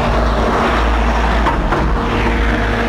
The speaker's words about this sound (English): White car with a big bald geezer in it. Looking hard as nails.